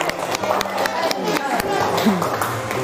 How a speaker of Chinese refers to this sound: 哎呀，那我们小朋友们给他们掌声鼓励一下，好不好？ 好。掌声鼓励一下。